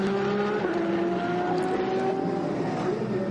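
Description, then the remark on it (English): Race car engines roar past on a track as the Krohn Racing Porsche gets past the Ligier, a steady, loud, buzzing whine whose pitch slides slightly as the cars go by, with no talking. “That's the Krohn Racing 907 Porsche to getting past the Ligier.”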